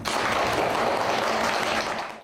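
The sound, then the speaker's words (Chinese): A class claps steadily for a couple of seconds, a dense crackle of many hands that fades out at the end; no one speaks. The teacher has called for applause for a student's improved exam results. “总成绩提升了15名，我想值得大家学习，来，掌声鼓励。”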